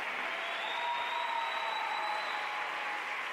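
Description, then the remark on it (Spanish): Steady, dense applause from a crowd for the King of Kings, a continuous wash of clapping at an even loudness throughout, with no voices standing out above it. “Un aplauso para el Rey de Reyes, venga.”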